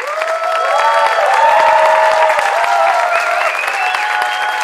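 A large audience applauds a band steadily and loudly throughout, a dense wash of clapping with a few shouts and sustained whoops rising above it, no one speaking.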